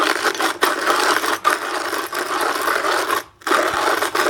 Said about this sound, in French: Le bruit du moulin à café manuel.